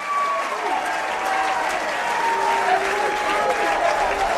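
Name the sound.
baseball stadium crowd cheering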